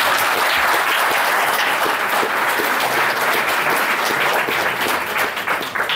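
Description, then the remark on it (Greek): Sustained applause from an audience applauding the woman who edited a book, a dense, steady patter of many hands clapping at once, loud and continuous throughout with no talking over it. “Και θέλω πάλι να τη χειροκροτήσετε, παρακαλώ.”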